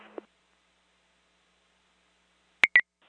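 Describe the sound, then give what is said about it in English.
A brief burst of radio static, then a long silence before two quick, sharp electronic dispatch alert tones sound back to back, clear, toning out a fire alarm at a high school. “If not, go ahead and tone that.”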